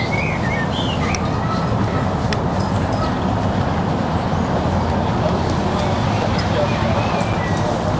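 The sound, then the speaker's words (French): A steady, faint rumble of ring road traffic forms a continuous low wash for the whole stretch, with a few faint high chirps flickering above it. “Après, bon, t'entends légèrement le périph', mais tu peux te dire, bah, c'est le bruit de la mer, tu vois.”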